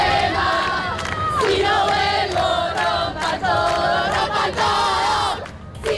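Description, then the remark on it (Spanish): A large crowd at a feminist 'Ni una menos' protest march against gender violence in Argentina chants slogans in unison, loud voices rising and falling in rhythmic bursts with a dense roar of many people underneath, steady for about six seconds. “Y en Argentina, multitudinarias manifestaciones feministas al grito de ni una menos.”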